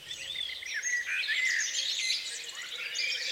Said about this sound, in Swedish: En hel natt av fågelsång från både Sverige och Finland.